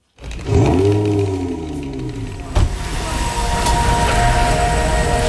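The Titan, a silver 600 kW electric supercar, moves off quietly, its heavily amplified hum made of several steady tones layered like a musical chord and rising slightly in pitch, with a brief knock partway through and a broad rushing noise building underneath.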